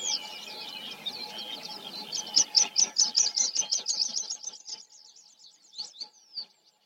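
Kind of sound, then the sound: bird, meadow pipit song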